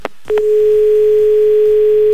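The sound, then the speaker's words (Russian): After a couple of brief clicks, a loud, steady, mid-pitched phone line tone comes on and holds unbroken, with faint line hum beneath it and no voices. It is likely a dropped call to a contestant during a live phone game on Humor FM radio. “Скорее всего, обрыв связи. Скорее всего, человек сбросил трубку.”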